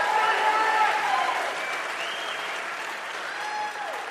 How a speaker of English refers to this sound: Go ahead. That's absolutely worth applauding.